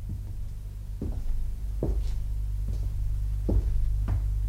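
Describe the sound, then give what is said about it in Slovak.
A door opening by itself with a series of dull, heavy thuds at a slow, uneven pace over a steady low hum, moderately loud, with no one speaking. “Zasa dvere?”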